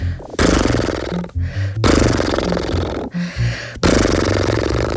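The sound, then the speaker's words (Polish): Three sustained voiced lip trills, done as a lip-loosening vocal exercise, each a buzzing, horse-like flutter of the lips lasting about a second, with a sung pitch underneath that shifts between them, separated by short breaths. “Teraz przyszedł czas na parskanie.”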